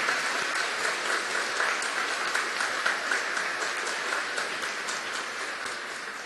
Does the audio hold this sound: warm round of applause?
yes